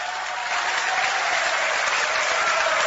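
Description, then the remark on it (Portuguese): An audience applauds steadily, a dense, even wash of many hands clapping at constant loudness throughout, with no voices standing out. “Mais fortes palmas misturado com glória a Deus.”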